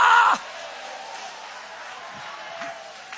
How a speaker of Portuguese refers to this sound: Levanta a mão bem alta para Deus e aplaude a Ele. Aplaude esta presença que caminha contigo. Aplaude esta presença que cuida de você. Aplaude esta presença que te sustenta na jornada.